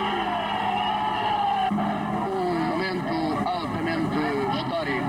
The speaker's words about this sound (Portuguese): Começam a movimentar-se as viaturas de guerra que aqui estiveram, frente ao quartel do Carmo. A vaia tremenda da multidão.